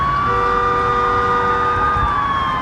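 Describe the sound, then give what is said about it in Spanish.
Police sirens wail loudly and continuously, several overlapping tones sliding slowly over a rumble of traffic, as several police patrol cars race at full speed along the emergency lane of a highway in Montreal, Canada, where traffic has stopped at rush hour during a police chase. No one speaks. “Varias patrullas van a toda velocidad por el carril de emergencia.”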